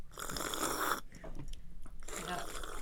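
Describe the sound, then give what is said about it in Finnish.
Loud crunching of someone biting and chewing a crisp apple, in two noisy bursts separated by a brief quieter pause with faint mouth sounds. “Mitä te syötte nyt? Omenaa ja omenaa.”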